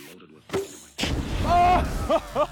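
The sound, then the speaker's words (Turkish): A sharp gunshot crack is followed by a loud, rushing burst as a shot spray paint can, filled with compressed, highly flammable gas, blows apart, then excited voices exclaim with rising, whooping tones. “Boya kutuları çok büyük bir patlama yapabilir çünkü içleri sıkıştırılmış gazla doldurulmuştur ve çok yanıcıdır.”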